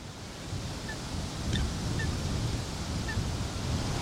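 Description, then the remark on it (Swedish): Short, sharp calls of a Eurasian coot, a black bird paddling in a shallow reedy bay, ring out a few times over steady rushing wind and lapping water. They are faint and spaced irregularly, and no one speaks. “Ja, här sitter jag i en grässlänt och mediterar över en sothönas till synes bekymmerslösa existens.”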